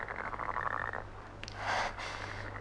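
A raspy, rattling frog croak pulses along for about a second, then a louder, breathier croak swells briefly before trailing off. No one speaks; the sound is moderately loud.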